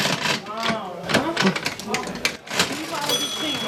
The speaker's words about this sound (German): Neben der alten Waage auch die alte Registierkasse. Kannst du die immer bedienen für mich?